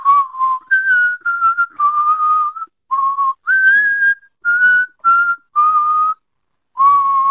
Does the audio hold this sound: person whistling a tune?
yes